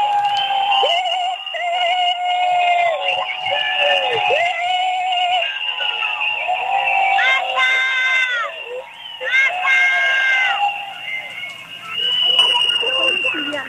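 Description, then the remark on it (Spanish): A crowd whistles loudly and continuously, many shrill overlapping whistles rising and falling in pitch, with a din of voices shouting underneath throughout. “no sé esos silbidos por quién son, si es que hay alguien por ahí non grato.”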